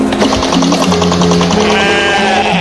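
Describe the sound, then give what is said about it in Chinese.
A family's flock of sheep behind sand dunes, amid wind and sand, bleats loudly and continuously, several wavering, nasal cries overlapping throughout, with a steady low rumble underneath and no talking. “我们家的羊群恐在沙包后面了。”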